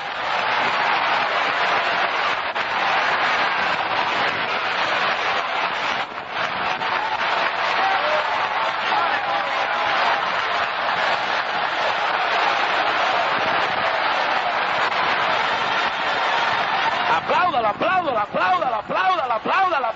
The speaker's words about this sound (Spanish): Oiga, es la mejor noche que oído este pueblo gritar en el espíritu. Démele un aplauso al Señor esta noche.